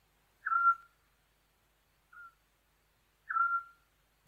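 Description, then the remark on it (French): A Eurasian scops owl gives short, mellow whistled notes at a steady mid pitch: two clear piping calls about three seconds apart, with a fainter, briefer note between them, against silence. “En France, on rencontre le petit duc essentiellement en région méditerranéenne, dont l'Ardèche.”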